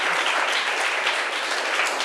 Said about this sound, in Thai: ขอเสียงปรบมือให้นักเรียนที่เป็นตัวแทนในการนำเสนอเลยค่ะ